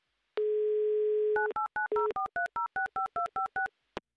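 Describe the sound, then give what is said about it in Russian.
A steady dial tone hums for about a second, then a quick run of about eleven touch-tone key beeps follows in an even rhythm, loud, ending with a short click, as a Humor FM radio host dials a listener's phone number live on air. “Сейчас я буду вам звонить и уже набираю ваш номер, чтобы узнать, знаете ли вы, какая шутка прозвучала только что.”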